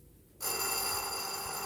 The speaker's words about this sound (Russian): Как будто бы колокольчики звенят. Какие колокольчики? Серебряные колокольчики.